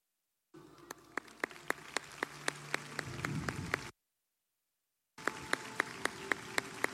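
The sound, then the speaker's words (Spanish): Audience applause with steady, rhythmic claps over a broad wash of crowd noise, cutting off abruptly into silence and then resuming just as loud for a few more seconds. “Chihuahua te reconoce y te aplaude.”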